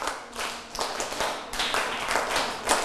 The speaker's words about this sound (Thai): นี่เด็กต้นทางและปลายทางปรบมือ1ครั้ง2ครั้ง3ครั้ง4ครั้ง5ครั้งปรบมือ3ชุด